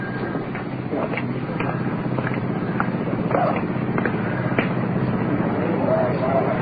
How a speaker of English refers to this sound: Motor of the iron lung working. Child being placed in the lung.